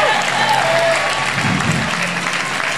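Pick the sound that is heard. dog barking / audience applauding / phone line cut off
audience applauding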